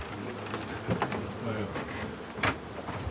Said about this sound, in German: Wo sie hier sind, die Bienen drin?